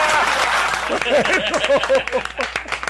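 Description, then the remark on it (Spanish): A crowd applauds with dense, steady, loud clapping for a few seconds, while excited voices call out over the clapping partway through. “¡Aplaudan, porque no aplauden!”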